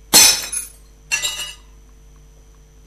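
An old ceramic bowl with a thin blue line falls and shatters on a hard floor, a sharp burst of breaking pieces followed a moment later by a second scatter of clinking shards, loud, with no voices.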